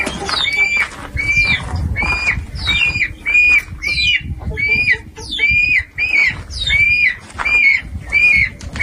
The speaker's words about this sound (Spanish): Pájaros, gallinas, ahora nos dirán.